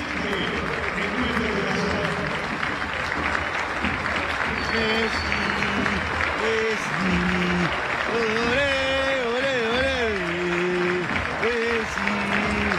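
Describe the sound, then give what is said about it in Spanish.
A large stadium crowd at a football match applauds Lionel Messi ten minutes into the second half, in a dense, steady roar of clapping that lasts throughout, with voices and chanting swelling over it in the second half. “Aplauso para Messi, 10 minutos del segundo tiempo.”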